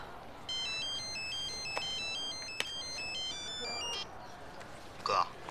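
A mobile phone ringtone plays a bright, electronic melody of quick stepping notes for several seconds over a low background hum, then cuts off, followed by a brief rustling clatter.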